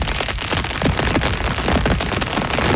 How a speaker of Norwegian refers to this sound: Regnet sånn at jeg våkna det I dag. Ja. Jeg har kalt det paraplyen forkjørt seg, har jeg kalt lyden min.